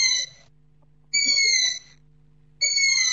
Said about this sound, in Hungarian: Az állatot Kuviknak gondolták, de Orbán Zoltán, madártani szakértő érdeklődésünkre elmondta, hogy másféle fajról van szó. Ez az erdei fülesbagoly fiókának az eleségkérő hangja.